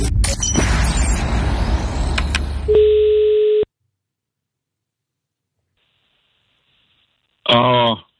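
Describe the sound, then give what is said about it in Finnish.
A single steady telephone ringing tone of a call to a Finnish warehouse sounds briefly after a burst of noisy background, then a long silence before a voice briefly answers. “Ai että, jalat pöydälle ja luuri käteen. On nimittäin perjantai-puhelun aika.”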